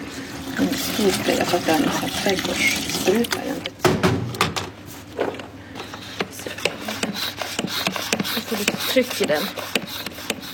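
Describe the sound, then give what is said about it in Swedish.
Raw umber paint pigment is poured into a spray bottle in a steady trickle for a few seconds, followed by scattered taps and clicks of the bottle being handled, with speech audible at times. “Det häller jag ner i en spray.”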